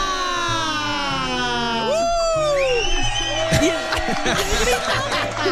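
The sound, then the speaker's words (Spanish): A group of women shouting and cheering together on the Exa show Dilo Fuerte, high-pitched voices rising in whoops and excited cries, loud, with some laughter mixed into the continuous noisy clamor. “Y el grito de las mujeres.”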